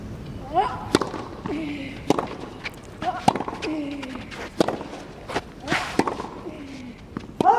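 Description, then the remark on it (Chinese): A tennis rally in the Olympic singles final between Zheng Qinwen and Donna Vekić, with sharp racket strikes on the ball about every second, including a deep, heavy crosscourt topspin shot, while faint voices and crowd murmur sit underneath. “漂亮，整拍啊，对角线的上旋球，这拍球拉得很深很转。”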